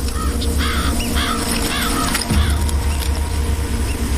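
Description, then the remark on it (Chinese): Following magpies give a series of harsh, raspy calls in quick bursts over a steady low rumble, with the chattering repeating several times and no voices. “跟随的喜鹊会惊动其他的掠食者，也会招惹到附近的动物。”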